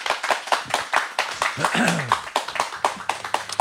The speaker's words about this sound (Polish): a ja poproszę zgromadzonych Państwa o brawa dla naszego gościa.